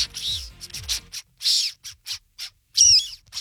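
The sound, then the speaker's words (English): A person mimics a squirrel's call with their mouth: a run of raspy, squeaky chirps in quick uneven bursts, fairly loud, ending in a sharper whistling squeak. “Why have you been holding on to that squirrel impression the whole time?”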